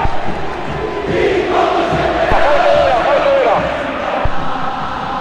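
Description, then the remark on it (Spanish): A dense football stadium crowd at a River match roars steadily, with a surge of massed voices chanting a rising and falling tune in the middle before easing back into a loud, continuous wash of noise. “Lateral para River, mirá lo que es este estadio, ¿no?”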